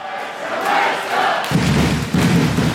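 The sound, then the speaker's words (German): A large crowd of fans roars and cheers loudly and continuously at a wheelchair basketball final as the home team wins the German championship, a dense wash of shouting voices, with deep thumping booms joining in partway through. “Der Jubel war grenzenlos, die Spieler rissen die Arme nach oben, die Betreuer lagen sich in den Armen und die Fans, die feierten ihre Helden.”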